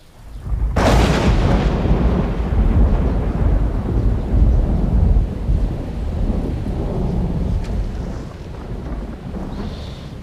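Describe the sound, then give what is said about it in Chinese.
A sudden loud crack of thunder breaks out, then rolls into a long, deep rumble that slowly fades, with a windy, rainy hiss underneath and no voices. “没事，天要下雨。”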